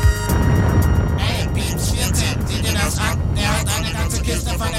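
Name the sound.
truck engine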